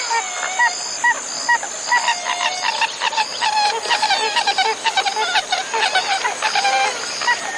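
A pied-billed grebe gives a long series of loud, repeated hooting, cackling notes in a steady rhythm over a faint marsh background with no talking.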